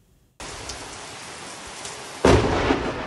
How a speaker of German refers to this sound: Ein gewaltiger Blitz kracht in das Haus von Martin Lübcke.